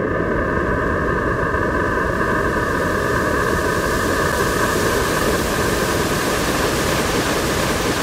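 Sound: white noise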